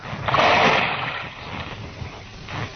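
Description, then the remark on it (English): A heavy splash as a person drops down into waist-deep water, a broad burst of spray that fades into softer sloshing and lapping, with no voices. “You drop down there first. I don't know how deep the water is.”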